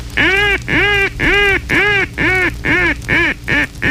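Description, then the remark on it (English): A handheld duck call blows a loud mallard high ball call: about eight long, raspy quacks in a steady series, growing shorter and quicker toward the end, with no talking. “The first essential call is a high ball.”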